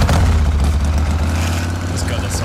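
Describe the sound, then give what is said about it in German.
A motorcycle engine, the kind of sound featured at the Harley Days in Dresden, rumbles loudly and steadily, its deep throbbing drone wavering slightly in pitch as it revs, with a rough, gritty edge throughout. “Das Epizentrum für diese wohltuenden Geräusche ist am kommenden Wochenende wieder unsere Landeshauptstadt.”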